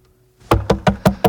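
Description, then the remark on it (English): Five firm, evenly spaced knocks on a door, loud, coming in quick succession after a brief quiet moment. “Patrick, man, let me in, please open the door.”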